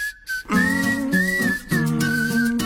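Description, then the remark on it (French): A thin, breathy whistled melody, seemingly made through the nose or while inhaling, carries a few sustained notes over a steady, low-pitched backing hum for a couple of seconds. “Il sifflote par le nez, on dirait, ou alors en aspirant.”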